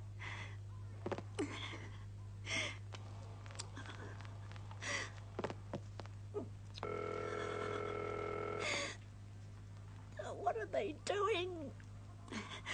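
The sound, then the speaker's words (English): A telephone ring sounds on the line as the operator rings a number on the Ordway exchange for a call from Toronto, one steady buzzy burst of about two seconds, amid gasps and breathy vocal sounds over a constant low electrical hum. “We are ringing Ordway 3787 for you, caller.”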